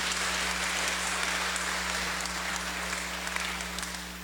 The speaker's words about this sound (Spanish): Nuestra monaguilla. Le damos un fuerte aplauso, que Dios le bendiga.